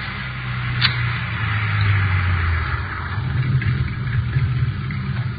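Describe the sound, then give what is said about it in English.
A car engine rumbles low and steady, idling after the vehicle rolls to a stop, with a brief faint click near the start and no voices. “you know where to pull up.”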